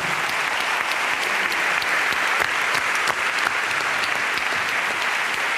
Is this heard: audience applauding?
yes